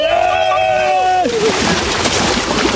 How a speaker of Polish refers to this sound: Kto wbiega do wody, lecimy!